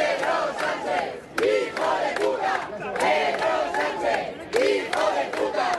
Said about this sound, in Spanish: Y a pesar también de gritos como este "invasores, expulsión", que corearon los asistentes en varios momentos aquí durante la intervención del alcalde Almeida.